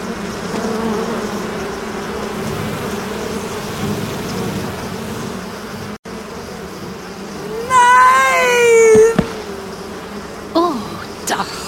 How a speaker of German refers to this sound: Bienen bedecken die zusammengesunkene Gestalt von Oma Wetterwachs.